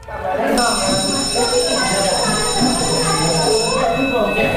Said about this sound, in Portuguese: É isto, a campainha vai hoje começar a tocar outra vez nas escolas, com o arranque de um novo ano letivo nas escolas do ensino básico.